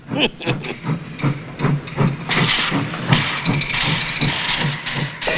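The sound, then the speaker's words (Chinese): A lone steam locomotive chuffs in a steady rhythmic beat, then releases a loud, sustained hiss of steam as it pulls into a station and slows to a stop to take on water. “有一个火车头进站， 这里不准停车。”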